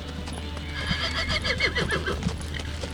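A horse whinnies in a rising, wavering call while hooves clip-clop in a steady rhythm over a low background hum, with no talking, as competitors at Pond Hill in Vermont untack their horses and load them into their trailers.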